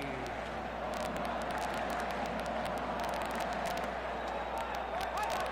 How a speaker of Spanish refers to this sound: Empiezan a animar, empiezan a aplaudir los nipones en todas las graderías. Escuchemos. Del AT&T, a ver cómo suena el estadio AT&T.